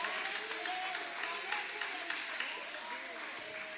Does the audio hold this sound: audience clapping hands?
yes